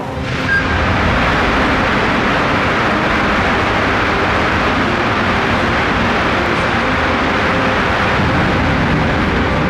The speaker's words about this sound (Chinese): 这是眼前这台苍穹50发动机的第6次点火试车。苍穹50正是智神星一号的主动力系统。这次是长程试车，点火时长300秒，远超火箭实际飞行需求，用极限工况考核发动机的耐用性。